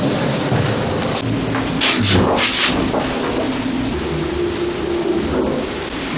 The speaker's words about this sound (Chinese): 只要电梯不运行，这声音就没有；只要一运行，家里就有着嗡嗡的声。